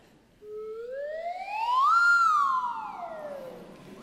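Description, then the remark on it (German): A lotus flute (slide whistle) plays one long, smooth glide, rising steadily in pitch to a bright peak and then sliding back down, like a siren. It is loud and breathy, with no talking. “Was war denn das gerade hier für eine Flöte? Eine Lotusflöte.”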